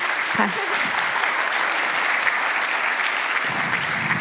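A crowd applauds steadily, a dense, even wash of many hands clapping at a constant loud level for several seconds without pause.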